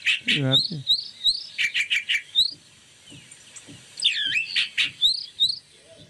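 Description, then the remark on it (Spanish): A recorded calandria (mockingbird) song, played in a car, with a lively, varied run of rapid chirps, trills and whistled phrases in quick bursts, a short pause, then another energetic run of clear notes. “No, no, íbamos en el auto escuchando a la Calandre, escucha.”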